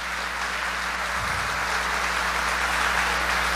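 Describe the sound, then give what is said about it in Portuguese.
A crowd applauds steadily for several seconds, a dense, even wash of clapping with no voices, over a low background hum. “Metade não tem força nem para aplaudir.”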